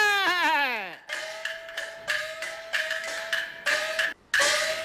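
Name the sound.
baby crying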